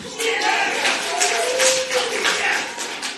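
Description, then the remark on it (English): A courtroom crowd breaks into steady, dense applause for about three seconds after a jury returns a guilty verdict, with scattered voices and a wavering, tearful-sounding tone rising through the clapping. “The courtroom erupted in applause and in tears.”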